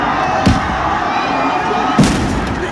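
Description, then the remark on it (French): Two sharp, booming pops about a second and a half apart ring out over a dense, noisy crowd din outdoors: police throwing tear gas grenades into a crowd of students who are running away. “Très peu de temps après, une sommation peu audible au vu du bruit sur place, les forces de l'ordre jettent plusieurs bombes lacrymogènes au milieu de la foule d'élèves qui fuient en courant.”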